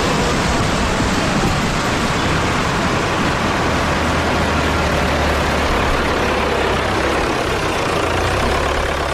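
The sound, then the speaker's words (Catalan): Irrigation water rushes steadily through a ditch into a field during flood irrigation, a loud, continuous wash of flowing water with a faint low rumble underneath and no voices. “Després, quan acaba el seu torn, l'estellaor es tanca i l'aigua continua sec i avall fins al següent camp, fins a unes altres mans que l'esperen.”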